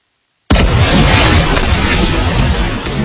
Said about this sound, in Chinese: 现在我们来做现场测试。我身后呢是一个爆轰管，可以看到这个前面放的就是涂了这个防爆涂层的保水泥板，接下来我们就来验证一下在实际的爆炸场景中它能扛住多大的爆炸威力。